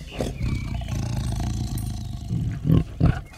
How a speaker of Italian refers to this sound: Cazzo, la tigre si è mangiata il pavone, porca troia! Show, Betlemme, smettila di mangiare Mr. Dick! Amore, lo vedi? Chi cazzo ha una tigre libera in giardino? E poi perché l'hai chiamata Betlemme?